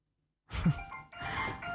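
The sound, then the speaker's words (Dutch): A doorbell chime rings out after a moment of silence, two ringing tones in quick succession, clear, with no voices, as a guest arrives at the door. “Daar gaat de bel.”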